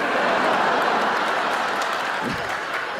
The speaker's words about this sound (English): Yeah, you cheer, but I don't think you realize how that makes me feel.